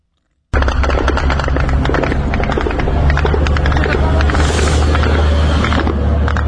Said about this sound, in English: The sound of Ukrainian drones as they hit targets in Russia. Overnight into Tuesday, Kyiv struck Russian warehouses belonging to Wildberries, the country's largest online retailer, known as the Russian Amazon.